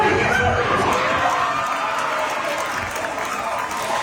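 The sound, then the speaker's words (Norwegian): A loud crowd of football fans cheers and applauds at Karls, a bar in Oslo, Norway, as World Cup debutant Cape Verde stands up to Spain. A dense, steady roar of clapping and shouting voices holds for several seconds. “Det var jubel mange steder i går, mellom andre på Karls i Oslo som vi hører her.”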